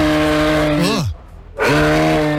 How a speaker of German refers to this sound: Im letzten Jahr war es ja der Elch Emil, also er hier.